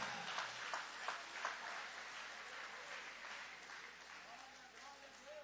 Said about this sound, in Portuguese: Levanta a mão se você é grato por isso, se você é grato por isso, joga a mão para cima e aplaude.